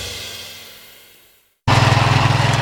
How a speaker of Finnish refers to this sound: Simahtiko ruohonleikkuri?